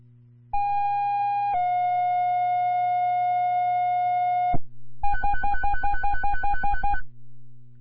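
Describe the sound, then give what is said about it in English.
A dispatch radio alert tone for an ambulance driver: a short steady tone stepping down to a longer lower one, then about two seconds of rapid pulsing beeps, loud and electronic with no voices. “Confirming there was another tone for a driver. Yeah, it's a tone for a driver.”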